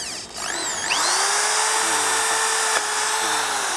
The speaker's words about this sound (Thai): เสร็จแล้วคุณครูก็จะใช้สว่านดอกใหญ่นะครับในการยิงเข้าไปเหมือนกันนะครับ